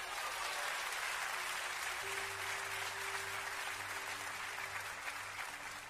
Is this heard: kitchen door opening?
no